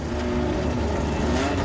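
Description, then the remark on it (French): A McLaren 12C's 3.8-litre twin-turbo V8 engine, producing 616 horsepower, roars loudly, a steady high-revving drone with a slight upward pitch, lasting under two seconds with no voices. “Une McLaren 12C équipée d'un V8 biturbo de 3,8 litres, développant pas moins de 616 chevaux.”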